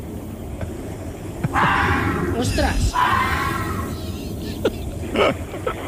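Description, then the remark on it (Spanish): A Siamese cat lets out a loud, drawn-out, wavering yowl, followed by a few shorter, sharper cries; a person briefly exclaims over the sound. “¿El gato? El gato. Gato siamés.”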